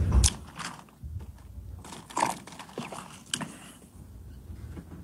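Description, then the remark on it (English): Quiet handling noises: a soft thump, crinkling of what could be a plastic bottle, then small sipping and swallowing sounds as a man takes a sip of water while being asked a question, spread across a few seconds, with no talking. “when he was getting asked the question, he took a sip of water, which gave him extra chance to think before he wanted to answer the question.”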